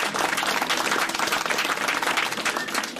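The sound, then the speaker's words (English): Steady audience applause for an ambassador at a handover under a Namibia-Japan cooperation programme, many hands clapping at once in a dense, even wash of sound at a consistent level. “Can we please give our ambassador a big round of applause?”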